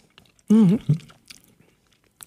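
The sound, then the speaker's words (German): Someone eats a spoonful of egg liqueur made for spooning, with a velvety, pudding-like consistency, from the Thüringer Spezialitätenmarkt, giving a long, wavering, appreciative hum followed by a brief smacking mouth sound, then faint quiet noises until a soft tick at the end. “Insofern löffeln wir jetzt los.”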